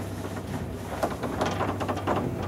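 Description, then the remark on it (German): A very old elevator runs with a steady low mechanical hum, broken by clattering rattles and sharp knocks, moderately loud, with no voices. “Uwaga, Achtung, it's a very old elevator.”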